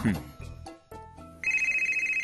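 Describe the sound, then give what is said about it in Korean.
A phone rings with a bright, steady electronic trill that starts partway through and pulses on loudly, following a brief moment of mixed background sound and voices. “저 전화는 받을게요.”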